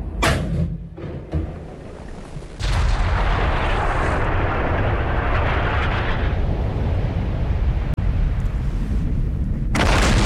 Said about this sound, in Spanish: muchos ciudadanos del centro de Santiago decían, ¿qué pasó? Que hay tanto estruendo, parecía un cañonazo. Pero fue antes de las 12 que nos empezaron a escribir. Claro, se escucha fuerte, ¿qué pasó? ¿Qué pasó? Era un cañonazo.